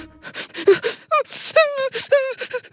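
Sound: voice imitating a crying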